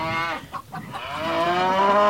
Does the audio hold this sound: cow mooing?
yes